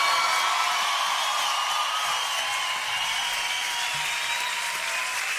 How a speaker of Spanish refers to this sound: Si es aplauso para él, tiene que dárselo mucho más fuerte.